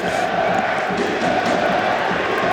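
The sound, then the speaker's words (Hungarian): A large crowd of Győr home supporters at a football match against a Riga side cheers and chants in a steady, dense roar that holds at an even loudness for the whole stretch, with no single voice standing out. “A győri közönség támogatja a csapatot”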